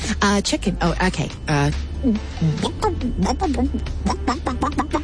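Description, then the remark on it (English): A mother, asked what the chicken says, imitates a chicken, making a rapid series of short, pitchy clucking and bawking sounds, with a brief pause partway through. “Mama, what does the chicken say?”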